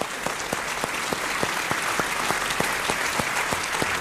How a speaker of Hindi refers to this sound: वाह वाह, बजाइए ताली जोर से।